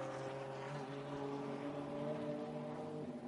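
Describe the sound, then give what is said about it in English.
The rest of a TCR touring car race field roars along the track, several engines blending into a loud, sustained, layered drone with steady buzzing tones and no voices. “because here comes the rest of this TCR field.”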